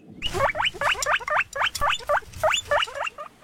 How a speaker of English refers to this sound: It is a guinea pig. Absolutely. Well done.